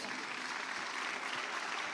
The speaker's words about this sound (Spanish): Me reciben al alcalde con un fuerte aplauso.